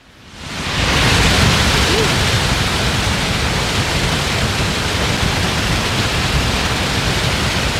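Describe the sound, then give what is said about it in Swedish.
A powerful, continuous roar of water rushing through the opened dam gates at the waterfall in Trollhättan, swelling up in the first second and then holding steady, loud, with no voices. “så här har det låtit under ekot här för bara några minuter sedan när det har forsat på. Fallens dagar i Trollhättan”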